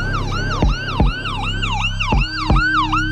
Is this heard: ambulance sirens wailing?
yes